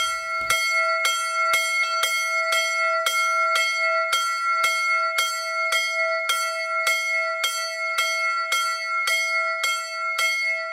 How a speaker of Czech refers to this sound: V tamní kapli svatého Linharta zní malý zvon Anton. Nejenže připomíná jednoho z místních dobrodinců, ale vypráví také příběh obnovy téměř zaniklé obce a návratu života do její kaple.